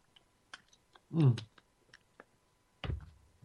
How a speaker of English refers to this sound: Oh, I got to get a slurp here, folks. Hold on.